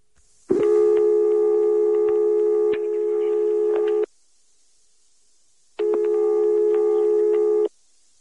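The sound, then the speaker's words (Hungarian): A telephone line tone sounds while a number is being dialed, in two long, steady electronic tones of about three and a half and two seconds, separated by a short silence. Loud and clear, with no voices. “Reméltük, hogy ez a telefonszám Csánki Miklós szampolói lakásának telefonszáma.”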